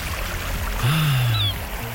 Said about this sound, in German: Die Wellen. Und die Möwen, wenn Sie das alles bei uns hören